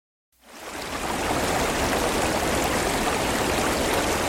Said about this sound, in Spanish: Estamos junto a los lavaderos de Frías, a la vera del arroyo Molinar. Ese hilo de agua que baja zigzagueando desde las alturas de Tobera hasta abrazar este rincón humilde y esencial.